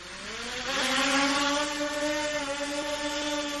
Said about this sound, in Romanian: Să nu vă speriați. Nu sunt ucrainiene, nu sunt rusești, nu sunt iraniene, sunt dronele din Berceni. Da. Așa va fi, dronele din Berceni le veți auzi începând cu ora 21:30 mâine seară.